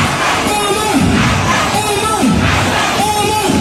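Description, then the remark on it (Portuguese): A large crowd of Somali football supporters roars and chants loudly and continuously, celebrating a referee, with swelling waves of shouting and cheering rising every second or so. “E aí a turma da Somália fez uma festa porque ele não vai participar da Copa do Mundo.”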